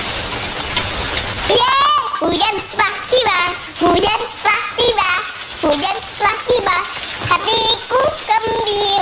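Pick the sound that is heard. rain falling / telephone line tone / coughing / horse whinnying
rain falling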